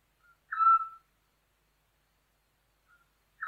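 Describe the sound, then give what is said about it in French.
A Eurasian scops owl gives a short, clear whistled hoot, with a second note starting about three seconds later, distinct against otherwise silent surroundings. “En France, on rencontre le petit duc essentiellement en région méditerranéenne, dont l'Ardèche.”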